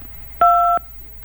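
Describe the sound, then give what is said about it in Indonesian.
A single steady electronic telephone beep, the tone of a disconnected line after a caller's phone call was cut off, sounds once for about a third of a second, loud and clean over faint background hiss, with no voices. “tegaknya terputus nih ya teleponnya ya. Nanti bisa ditelepon kembali buat Bu Sumbo yang tadi menelpon ya, karena bunyinya tut-tut-tut-tut”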